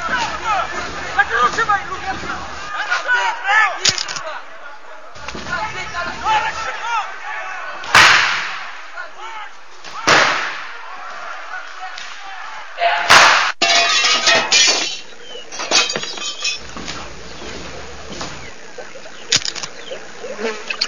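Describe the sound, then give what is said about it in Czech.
A chaotic brawl inside a restaurant: sharp crashes and bangs of things breaking burst out every few seconds over a constant din of shouting and agitated crowd noise. “Tu motyl, motyl, motyl, za 73 jsme u restaurace, bojíme se jít dovnitř, nějaká strašná rvačka, je nás tady hrozně málo, žádám o posily.”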